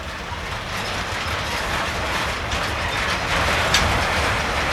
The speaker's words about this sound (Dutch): Ik denk dat dit inderdaad de achterkader van de trein is. Want meestal zit er één locomotief aan de achterkant. Ja, hier, een duwer. Dit is een soort van rangeerlok. Vroeger hij bij ons heette de SIK. Dat is zo'n klein rangeerlocomotief.